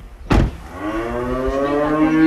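A cow on a farm lets out one long, drawn-out moo, loud, its pitch rising slightly as it holds, after a brief rustling thump at the start. No one speaks.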